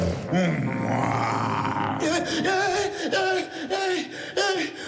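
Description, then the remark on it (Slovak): A person imitates a lion's roar: one long, loud throaty roar, then a series of shorter rhythmic growling bursts, with no other voices. “Ozajstný lev.”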